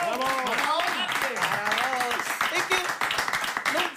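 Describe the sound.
A steady burst of crowd applause, dense clapping that stays loud for several seconds, mixed with voices calling out and cheering over it.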